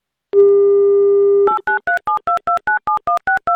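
A steady telephone dial tone holds for about a second, then gives way to a quick run of about ten crisp, evenly spaced touch-tone dialing beeps as Avtoradio calls a listener in Saratov Oblast, Russia. No voices are heard.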